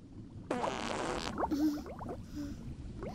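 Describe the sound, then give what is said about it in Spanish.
A burst of bubbling underwater noise of fart bubbles released beneath the surface while diving with mask and snorkel, followed by gurgling blubs and a few wavering squeaky tones before fading into a murky background. “¡Burbujas! ¡Qué asco!”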